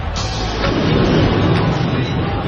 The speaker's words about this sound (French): Et tout le temps, le bruit des tramways, le bruit